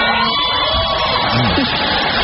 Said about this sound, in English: Listen to that crowd reaction to him.